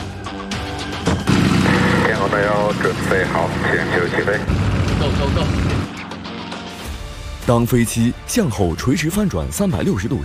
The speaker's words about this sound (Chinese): 我们终于到了要完成实验的时刻，在我们的两侧，有三台 XA-42 特技飞行表演机已经蓄势待发，大家准备好了吗？